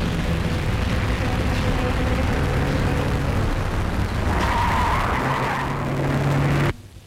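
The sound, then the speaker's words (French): A car out of control, no longer responding to its controls, roars at high speed with loud, continuous engine noise and tires skidding and squealing, building to a harsh screech before cutting off abruptly near the end. “La voiture ne répond plus. Elle roule à une vitesse folle.”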